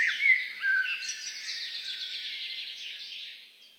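Birdsong for P1's Fågelsångsnatten (Bird Song Night) fills the air, a dense, continuous stream of high chirps and trills with a few clear whistled notes at the start, steady throughout before easing off slightly at the end.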